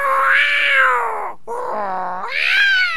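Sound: cat meowing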